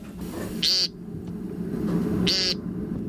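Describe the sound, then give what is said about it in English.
Two short, nasal, buzzy 'peent' calls of an American woodcock, spaced about a second and a half apart, standing out clearly over a steady low rumble of evening background noise. “The American woodcock.”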